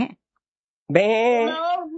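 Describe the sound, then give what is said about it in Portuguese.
A person imitates a sheep, giving one loud, drawn-out bleat with a wavering, quavering tone that lasts about a second, after a brief vocal sound at the start. “Isso, ovelha.”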